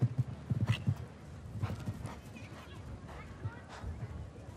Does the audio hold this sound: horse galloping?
yes